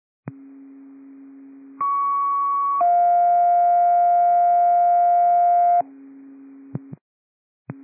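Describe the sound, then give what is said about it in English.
Radio dispatch paging tones for unit 2719, Alpha Response Tax 6, sent to 119 North 3rd Street for a patient who had a seizure: a steady low hum, then a sustained higher tone, then a long lower tone, loud and clean, ending with a few short clicks and blips of the carrier dropping out. “Twenty-seven nineteen tones for Alpha Response Tax 6 at 119 North Number 3rd Street.”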